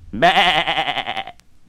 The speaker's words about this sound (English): To sing the sheep sound, you'll have to find the starting pitch and then go down. Listen.